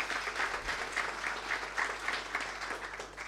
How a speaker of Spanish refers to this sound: Gracias por estar acá, un aplauso para él.